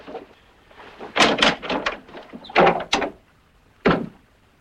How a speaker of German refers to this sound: Zunächst werde ich den Riegel an der Tür zuschieben. Das ist bereits geschehen.